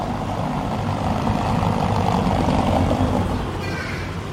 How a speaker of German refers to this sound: Hören Sie mal genau hin, wenn dieses Auto über das Kopfsteinpflaster rollt und wie es ganz plötzlich leiser wird.